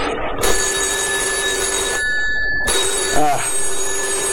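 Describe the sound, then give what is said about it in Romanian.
A telephone bell rings loudly in two long, continuous bursts separated by a brief pause, its harsh metallic jangle filling the whole clip. “Iacob reia nemulțumit receptorul.”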